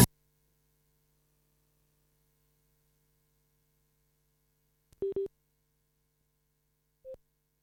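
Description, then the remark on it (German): A phone's busy tone after a mobile phone call dropped during a Radio Störfunk broadcast: a quick pair of short, clear electronic beeps, then one more after a pause, over a faint steady electrical hum. No one speaks. “So, Entschuldigung, jetzt hat irgendwie sich mein Handy disconnected.”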